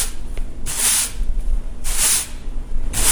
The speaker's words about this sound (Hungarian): Mi a második? Mivel összesöpörtek valamit? Rendben van, igen.